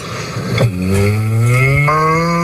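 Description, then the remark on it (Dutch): A person imitates a cow's moo as a newly received animal-sound impression: one long, loud, low droning tone that starts with a short dip, then slowly rises in pitch over about two seconds, with no other sounds. “Maar ik kan al een koe laten horen aan je.”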